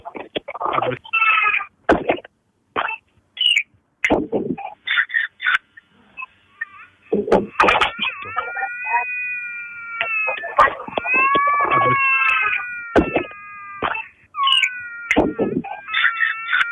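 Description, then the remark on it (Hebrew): A baby, just revived by emergency responders in Jerusalem after a successful resuscitation, cries: short broken sobs at first, then long, high, wavering wails that hold steady for several seconds before breaking off and starting again. “ועכשיו מאזינות ומאזינים, אחרי ששמענו את התינוק, איזה צמרמורת.”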